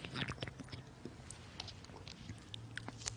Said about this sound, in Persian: بذاریم یه آب بخورم که بتونم بهتر حرف بزنم.